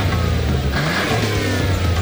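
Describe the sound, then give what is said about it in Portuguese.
A car engine revs loudly, its deep growl swelling and shifting in pitch throughout the short burst, with no voices over it. “Para de pensar naquele carro que viu na concessionária?”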